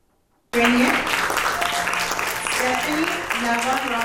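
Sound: warm applause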